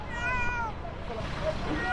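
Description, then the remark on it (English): A small cat found underneath rubble meows twice, a drawn-out cry near the start and a shorter one at the end, both heard over a steady rumble of background noise. “A small cat has been found underneath the rubble where others were not so lucky.”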